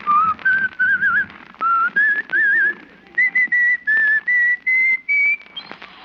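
A man whistles a cheerful, bouncy tune as he walks down an icy street in the cold, the melody rising in steps with short pauses between phrases and a few quick warbles, with no talking over it.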